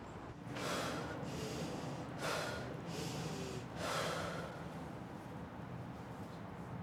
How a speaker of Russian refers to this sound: Вдыхаешь, держишь 10 секунд, и уже потом выдыхаешь и дышишь нормально, получается.